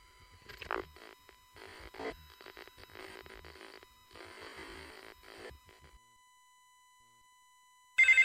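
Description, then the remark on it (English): Rustling, clattering bursts give way to a few seconds of near silence, then a loud, shrill telephone ring cuts in abruptly right at the end, trilling. “My phone doesn't seem to be working. Hello?”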